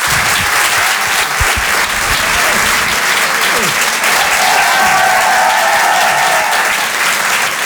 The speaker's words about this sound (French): c'est très sincère, je vous demande de l'applaudir, de l'encourager lui aussi.